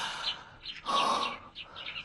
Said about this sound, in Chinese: 哎，小鸟叫得真好听。